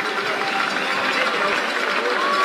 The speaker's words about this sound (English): And, of course, the crowd here in Kamloops gives their former player a nice round of applause.